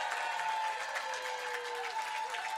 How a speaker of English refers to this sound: Before we find out the grand champion, can we just have one more round of applause for every single artist who was on this stage today?